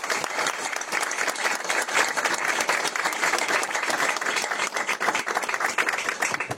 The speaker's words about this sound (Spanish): La verdad que pido un aplauso para ellos porque se lo merecen.